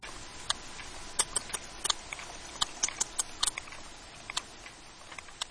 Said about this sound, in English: whales have regional dialects. But is this sperm whale from the east side of the Mediterranean or the west?